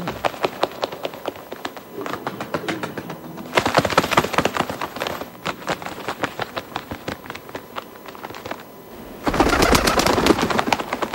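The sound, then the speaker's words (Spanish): Pigeon cooing, with repeated throaty calls over a busy, clattering texture that swells louder in bursts near the start and again at the end; no one speaks. “Una paloma, ¿no?”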